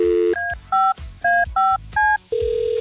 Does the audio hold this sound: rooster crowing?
no